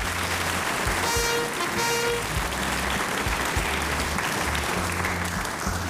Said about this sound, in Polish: Fanfary, oklaski, bardzo proszę.